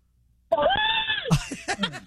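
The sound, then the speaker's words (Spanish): A caller in an American store lets out a loud, high-pitched shout abruptly after near silence, a sustained strained cry lasting under a second, followed by quick breathy vocal sounds. “¡Grito águila, …!”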